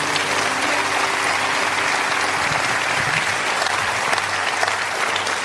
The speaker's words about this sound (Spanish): Denle un aplauso a Dios.